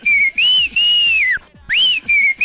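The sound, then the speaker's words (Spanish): A person whistles loudly, a bright, clear tune of several sustained notes that glide up and down, broken by a short pause midway before resuming, a whistle sent on a radio show to a man called Llamas. No one speaks. “Le puedes mandar un chiflido al Llamas, que se mejore pronto, y otro a Don Dólar, de parte del mismísimo ….”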